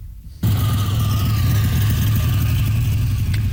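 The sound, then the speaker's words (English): A classic car engine roars to life after a brief quiet moment, then holds a loud, rumbling rev with a deep throaty growl, sustained. “Coffee shop and fast food parking lots right across this country fill up this time of year with classic and collector cars, from 1920s models to modern dream machines, all restored, polished, and surrounded by proud owners.”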